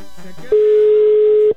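A steady, loud telephone line tone sounds for about a second, a single unbroken hum heard through the phone as a listener is dialed live on the radio station Cristal 93.3, preceded by a brief murmur of voice.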